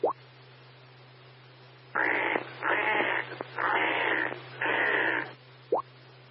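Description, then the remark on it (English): A voice imitates pig noises: four loud, rough, breathy grunting bursts in quick succession, sounding out of breath, framed by brief squeaky yelps at the start and end, with no words spoken. “I'm guessing pig noises because he was out of breath.”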